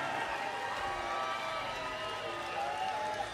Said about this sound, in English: Phil, Ash, Justin, as some of you know, Justin gets a cheer.